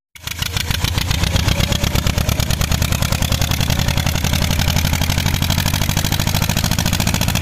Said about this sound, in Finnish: Tällaista traktorin pärinää saatiin WhatsAppiin.